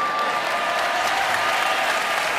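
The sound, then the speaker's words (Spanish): Steady, dense applause from a large concert audience in Valencia asking for one more piece, a continuous wash of clapping that stays loud and even throughout without any pauses or voices standing out. “Es fantástico escuchar esos aplausos que piden.”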